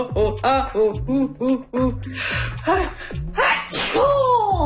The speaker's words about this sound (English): Yeah, I'm gonna sneeze. That's what I'm gonna do.